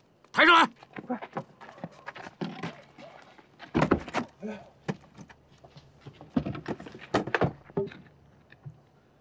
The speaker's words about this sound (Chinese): 开门了！哎，大哥，有动静了！来了，开门了！